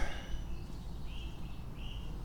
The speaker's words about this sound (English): There's some weird bird noises down there. Happy bird noises upstream. Strange bird noises downstream. Because I'm down at the creek.